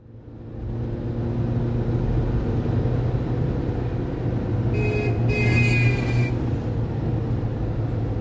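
rush-hour car traffic

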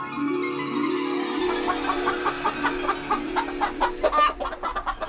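chickens clucking

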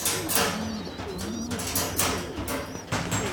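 pigeons cooing

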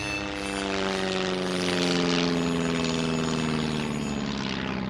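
propeller airplane flying

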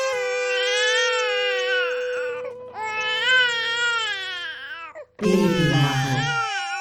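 infant crying

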